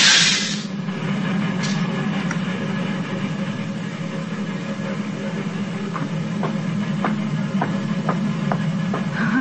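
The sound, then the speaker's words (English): A steam train on the old Nickel Plate line, crossing the divide, rumbles steadily along the railroad, opening with a short burst of hiss, then a continuous heavy roll with faint rhythmic clicks of wheels toward the end. “He's back with his friend Jim Baskin on the old nickel plate line. Listen. It's just crossing the divide.”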